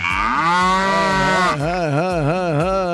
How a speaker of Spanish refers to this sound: Uf, esa vaca está en sus días. Uf, necesita un toro.